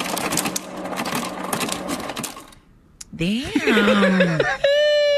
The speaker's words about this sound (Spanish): Les digo. ¿Cuál es? Hielo saliendo de un refrigerador.